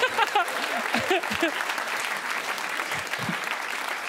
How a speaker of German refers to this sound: Ich habe den, ja, jetzt timingmäßig wäre der Applaus jetzt Killer gewesen.